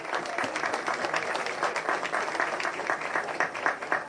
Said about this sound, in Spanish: Un fuerte aplauso ya con nosotros, señoras y señores, para compartir este momento muy especial para esta comunidad y con los niños, que también lo reciben a él con un fuerte aplauso, señoras y señores.